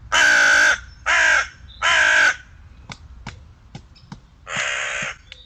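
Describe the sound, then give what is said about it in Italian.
A hooded crow, recorded by a camera trap in nature, caws loudly, three harsh rasping calls in quick succession, then a pause filled with faint clicking before a fourth caw. “Una volpe furbissima e una cornacchia grigia.”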